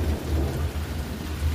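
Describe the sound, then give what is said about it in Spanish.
A steady roar of heavy rain hisses across the whole clip, with a deep, continuous rumble of thunder rolling underneath and briefly dipping before swelling again. No one speaks. “Se vino el agua, primo Sergio, mira nada más.”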